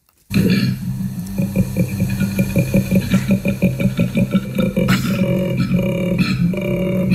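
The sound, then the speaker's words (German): A koala bellows: deep, rumbling grunts pulse in a rapid, steady rhythm, loud and unbroken for about seven seconds, then shift into longer throbbing snorts toward the end. No one speaks. “Okay, um was dann? Koala. Koalas. Diese faulen Tiere.”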